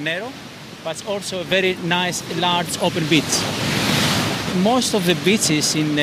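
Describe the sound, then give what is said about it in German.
Breaking surf and gusting wind roar steadily on a windy day at Agios Ionassis beach on the Aegean east coast of Pelion, beneath a person talking, the wash swelling louder for a moment in a pause between phrases. “Es kann ab und zu recht windig sein, so wie heute.”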